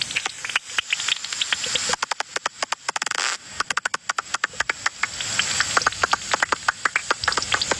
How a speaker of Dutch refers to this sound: Ja, en een dwergvleermuis is eigenlijk een vliegende muis. Ja, die laadvliegers zijn echt wat groter. Dit is dus de gewone dwergvleermuis.